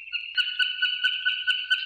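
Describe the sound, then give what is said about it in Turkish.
A swallow, recorded in Bursa, calls with a steady, high, thin twittering tone, broken by quick rhythmic clicks about four or five times a second, clear with no other sounds. “Kırlangıcını Ensar Ertekin Bursa'da.”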